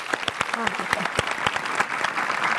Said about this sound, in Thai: ขอเสียงปรบมือหน่อยครับ